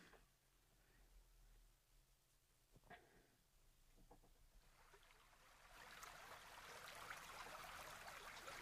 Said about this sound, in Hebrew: והנה, אנחנו כבר מתחילים, אני אתחיל לשים צלילים של נחל ברקע.